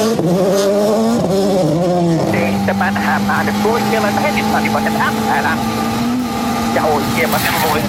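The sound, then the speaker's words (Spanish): A rally car engine roars on a rally stage, revving in rising pitch sweeps before settling into a sustained high drone as it passes, with voices talking over the noise. “Ahí está, mira, Pagliari.”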